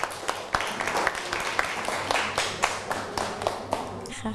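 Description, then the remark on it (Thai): A class of students applauds their classmates in group 6, a steady crackle of many hands clapping at once that holds at even loudness for several seconds, with a few sharper claps standing out. “ปรบมือให้กับเพื่อนกลุ่ม6หน่อยครับ”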